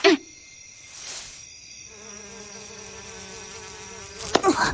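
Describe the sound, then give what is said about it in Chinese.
A thin, wavering whine of many mosquitoes buzzing steadily for a few seconds, moderately loud, ending in a brief burst of rustling noise, at a spot with many sunflowers. “这里好多蚊子， 这边也是呢，”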